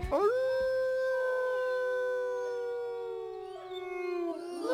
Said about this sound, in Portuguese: Já o Chico tinha saído quando o uivo prolongado cortou a noite.